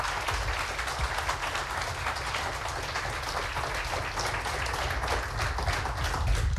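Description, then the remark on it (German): A crowd applauds steadily for three poets standing at the front, with dense, continuous clapping holding an even loudness throughout and no voices standing out. “Bitte nochmal einen großen Applaus für alle drei Poetinnen, die hier vorne stehen.”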